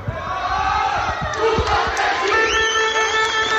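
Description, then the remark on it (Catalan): A group of team players gathers and shouts together in a loud, sustained war cry, their voices overlapping against the echoing din of a crowded court. “I ara sí, els jugadors del Sils es concentren per fer aquest crit de guerra.”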